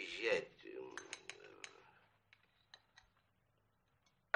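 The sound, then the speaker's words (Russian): Cutlery and dishes clink at a set table as Oblomov, in a wide striped robe, sits down to eat: a loud clatter at the start, then a run of sharp metallic taps and chinks that thin out into sparse, quieter clicks, ending with one bright clink. “Обломов в широком полосатом халате садится за накрытый стол.”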